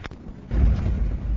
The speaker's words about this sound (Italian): In questo momento il traghetto è partito, stiamo sentendo dei rumori inquietanti, c'è un rombo pazzesco, vi facciamo ascoltare le vibrazioni.